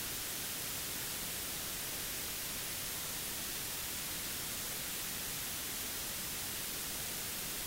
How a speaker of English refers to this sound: So this technically is a valid CD. this is CD audio, but it is transmitting DTS, and this has to be decoded through a second step. But you can listen to this if you want to. It's a beautiful album of white noise. That'll put you to sleep.